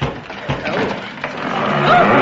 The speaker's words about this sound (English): Look at all the dry rot in this panelling, for instance. Well, you've only got to bang it and...